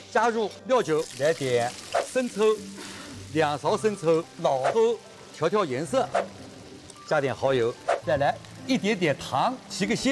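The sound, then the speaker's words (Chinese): Steady oil sizzling as ginger and then scallions are stir-fried in a little leftover oil in a pan after frying chicken wings, a constant crackly hiss running beneath nearly continuous talking from a voice. “剩下来的这个一点点油嘛，我们啊把生姜煸一煸，再下葱。”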